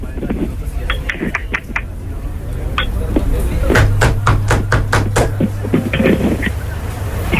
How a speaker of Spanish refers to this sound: ¿Quién toca la puerta?